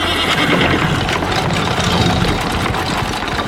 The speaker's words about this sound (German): Im rasanten Galopp bahnten sich die Freunde ihren Weg durch die Straßen Aglaias. Das Schnauben der Pferde vermischte sich mit dem rhythmischen Rotieren der Räder